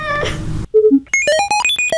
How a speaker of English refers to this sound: You put a little meow in there and here's what they translate. This is what cats think like.